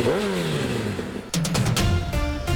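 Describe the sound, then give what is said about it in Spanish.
A motorcycle engine idles with a rising pitch, then revs hard in several loud, throaty bursts, with no one speaking. “Con repuestos Revo, lleva tu moto a otro nivel.”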